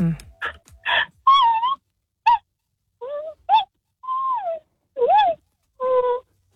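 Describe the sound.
A person imitates a panda's call with a series of short, high, whiny bleats and squeals, rising and falling in pitch, each separated by brief pauses.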